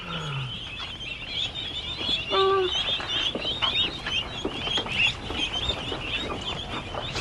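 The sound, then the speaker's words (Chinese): A short, nasal duck quack rises from a busy background of poultry and chirping birds, with scattered calls continuing throughout at moderate loudness. “我看看，我看看，好好玩的鸭子哦。”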